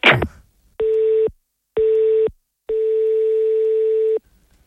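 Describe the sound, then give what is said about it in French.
A telephone line tone sounds in three steady, buzzy beeps of uneven length, the last one longest, loud, with silent gaps between and a short thump at the very start, as a call goes unanswered. “Il va pas décrocher, l'ivrogne.”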